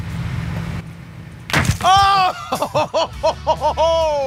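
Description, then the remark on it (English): After a low steady hum, a lasagna dropped in a drop test against a trifle hits the splat zone with a single loud, wet splat, followed by a rhythmic burst of excited voices and laughter. “Sad to see such an amazing meal go, but what an explosion.”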